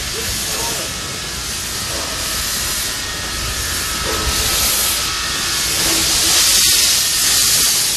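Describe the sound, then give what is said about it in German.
A small mine railway locomotive is slowly shunted into position at the head of a passenger train before departure, with a steady hiss and rumbling clatter that swells slightly toward the end. “Bevor es losging, wurde schließlich noch die Lok in Position gebracht.”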